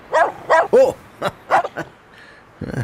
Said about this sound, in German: Wuff, wuff, wuff.